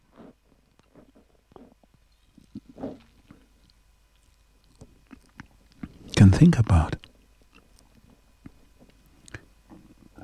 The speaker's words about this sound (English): I have to have a sip of some water, some drink